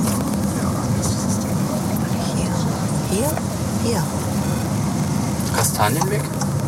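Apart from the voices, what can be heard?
car driving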